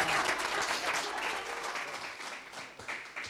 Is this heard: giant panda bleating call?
no